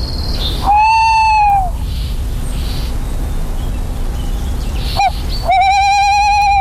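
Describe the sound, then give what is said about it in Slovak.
Two drawn-out, harsh alarm calls from a thrush warning of a nearby owl ring out fairly loud, one early and one near the end, over steady outdoor background noise with a brief sharp click between them. “Bo ten drozd tam varuje.”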